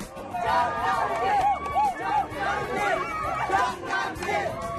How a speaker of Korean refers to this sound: 한낮의 기온이 40도 가까이 치솟아 더워도 너무 더운 올여름 장흥에서 열리는 물축제가 막을 올렸습니다. 기대만큼이나 열정적인 함성.